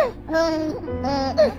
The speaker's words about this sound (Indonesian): Dengarlah suara bayi Papua. Suara bayi Kalimantan. Suara bayi Sulawesi.